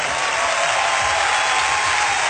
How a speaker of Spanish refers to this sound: ¡Aleluya! Si ese aplauso es para Jesús, déselo bien fuerte.